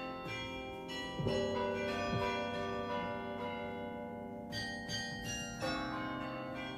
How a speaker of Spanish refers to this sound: El concierto del Beffroi no tiene nada de enervante, nada del coro de llantos de las campanas plañideras. El concierto es una fiesta en la cual domina como en un conjunto de estrofas la octava real.